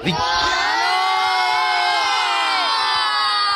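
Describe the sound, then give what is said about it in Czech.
A group of children at a firefighters' camp shouts and cheers together in a loud, sustained burst of high voices, continuous for a few seconds. “Jsme na táboře hasičském, takže vidíme, že i hlas mají silný tady tihleti adepti hasičů.”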